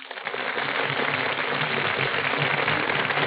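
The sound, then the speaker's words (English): A sustained burst of audience applause for Brian Ahern and Joan Fontaine as they enter the Gulf Theater stage, dense and steady with many hands clapping at once, loud and even throughout with no voices over it. “That burst of applause, ladies and gentlemen, is for Brian Ahern and Joan Fontaine, who are just entering our Gulf Theater stage.”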